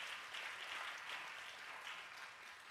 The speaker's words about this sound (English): So here's Peter saying, someone give Jesus a hand clap. Someone caught that.